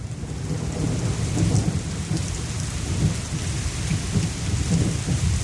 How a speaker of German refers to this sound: Der Regen, das tut gut. Oder so ein warmer Sommerregen. Und wir alle wissen, wie schön der riecht.